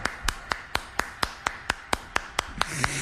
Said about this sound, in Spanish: Aquí lo tenemos con todo gusto, el Chaca. Cómo no, venga el aplauso para mi compa el Chaca.